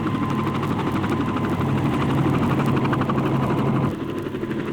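A jet helicopter roars steadily as it flies off from above a stage, carrying a net, its turbine whine layered over a fast, rhythmic rotor thump, the loud drone easing slightly just before the end.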